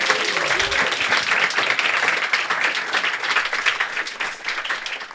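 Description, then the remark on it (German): An audience applauds steadily in thanks to a man in the audience who made the event possible, many hands clapping in a dense, continuous patter that stays fairly loud throughout, with no one speaking over it. “Einmal Applaus, bitte.”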